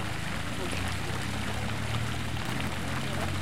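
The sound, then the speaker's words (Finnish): Steady splashing and trickling of water from a garden fountain at Sanssouci under a cloudless sky, a continuous wash of sound with a low background rumble and no clear talk. “Suihkulähde.”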